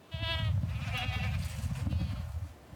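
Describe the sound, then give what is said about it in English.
Several goats, among about 600 brought in for targeted grazing on Nose Hill park in Calgary, bleat, their wavering, harmonic cries overlapping over a steady low rumble, with one bleat starting right away and others following through the short stretch. “The goats are back on Nose Hill.”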